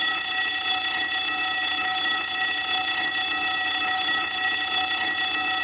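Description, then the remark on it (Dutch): A school bell rings continuously, a loud, steady metallic buzzing clang that holds at an even level from start to finish with no pauses and no voices. “Ik hoorde de schoolbel.”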